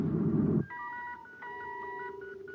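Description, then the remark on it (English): A brief low rumbling burst gives way to a steady run of electronic signal tones relayed by the squadron's patrol ships to Commander Corey: overlapping beeps that shift between a few pitches in short stepped bursts, with no voices. “With a special signal, each ship of the squadron relays to Commander Corey the estimated center of the blurred viewscope image.”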